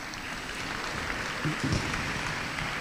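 An audience applauds with a steady, dense patter of many hands clapping, holding at an even moderate level for about three seconds, with a slight swell midway.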